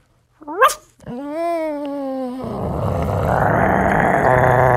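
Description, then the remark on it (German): A person imitates a small dog: a sharp high yip, then a drawn-out whiny vocal tone that shifts into a rough, growling noise, fairly loud. “Ein kleiner Hund.”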